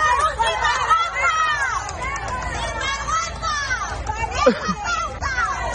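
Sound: crowd booing and shouting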